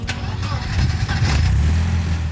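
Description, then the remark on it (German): A Mercedes-Benz 190 car engine cranks and catches, then revs up into a steady, loud, low rumble that fills the short recording. “Das ist der Gänsehaut-Sound”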